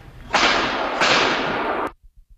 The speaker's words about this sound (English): new doorbell camera video captures the sound of rapid gunfire when police say a 16 and 19-year-old were shot in a drive-by shooting.